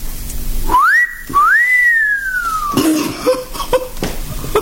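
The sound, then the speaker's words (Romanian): A two-part admiring wolf whistle, a quick rising note followed by a longer rise that slowly falls away, then a few soft coughs or throat sounds. “De fluieratul dumitale admirativ.”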